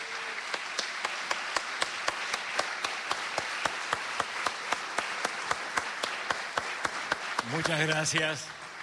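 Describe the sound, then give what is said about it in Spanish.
An audience applauds loudly and steadily to welcome Julio Lagos, with sharp claps falling into an even, rhythmic beat over the crowd's wash of clapping; a brief voice or cheer rises near the end. “Señoras y señores, le vamos a dar con un fuerte aplauso la bienvenida al señor Julio Lagos.”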